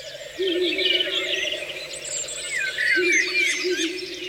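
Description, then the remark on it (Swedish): A Ural owl calls twice in low, wavering hoots, each lasting about a second, beneath a busy chorus of high chirping songbirds, with no voices, recorded in Siggefora. “Där var det en slagugla som ropade.”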